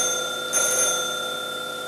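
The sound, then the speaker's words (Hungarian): A telephone bell rings with a steady, sustained metallic tone that swells briefly partway through, then keeps sounding at a moderate level. No one speaks. “Gerlach kisasszony van a telefonnál.”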